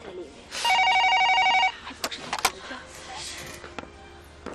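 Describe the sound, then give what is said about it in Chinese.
A telephone rings once in a loud, steady electronic trill lasting about a second, followed by a few sharp clicks and knocks against a quiet background. “哎，表姐，哎，你等一下啊，你这接电话不用钱吧？”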